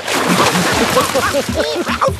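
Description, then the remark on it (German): Water splashes and sprays steadily for a couple of seconds as someone splashes a goblin with water, while voices yelp and exclaim over the noise. “Eda spritzt den Kobold nass und der schüttelt sich.”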